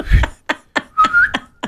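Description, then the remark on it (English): A brief, thin mouth whistle sweeps slightly upward, like a sheepdog command, amid a steady run of sharp, evenly spaced taps. There is no talking. “I used to be able to whistle, but now.”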